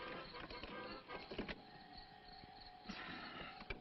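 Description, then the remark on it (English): A car starter cranks sluggishly and strains on a battery that is going dead, its motor whining and grinding in uneven bursts over a few seconds, fairly loud, with no voices. “Battery's going dead.”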